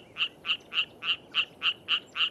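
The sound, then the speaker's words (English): A rocket frog croaks in a fast, even series of about nine short, bright calls, each a sharp pulse of similar loudness, against a quiet background with no voices. “Or the croaking of a rocket frog.”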